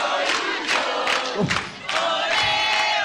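A loud crowd of football fans chants together in a steady, pulsing rhythm, with massed voices rising in regular bursts roughly every half second.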